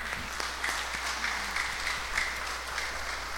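A crowd applauds steadily, a dense, continuous patter of many hands clapping at an even loudness throughout, with no speech on top.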